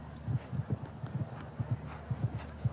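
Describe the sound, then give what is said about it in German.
Steady clip-clop of the hooves of Dorette, Jana Vargas's 17-year-old mare, on a hard surface, a quick rhythmic pattern of paired hoofbeats repeating through the whole stretch, clear with no talking over it. “Und das Pferd kennen Sie, nämlich Dorette von Jana Vargas.”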